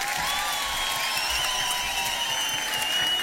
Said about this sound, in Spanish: ¡Lujo! ¡Aplauso fuerte!